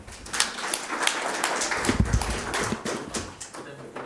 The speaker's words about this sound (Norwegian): og vi gir deg en applaus.